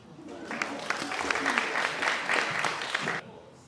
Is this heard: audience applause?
yes